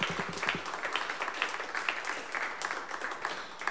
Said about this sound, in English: But before they do that, how about one more round of applause for the co-conspirators, the first half of the show here today.